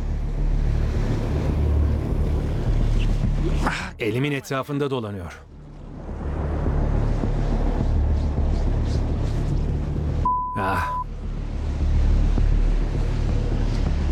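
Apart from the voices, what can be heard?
strong wind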